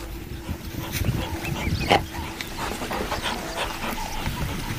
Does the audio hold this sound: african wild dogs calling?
yes